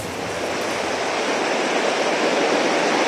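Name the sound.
rushing swollen river water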